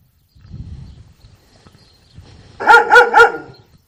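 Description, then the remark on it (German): Watchful dogs bark loudly three times in quick succession, after a few seconds of quiet low rumbling and shuffling. “Ja, wachsame Hunde.”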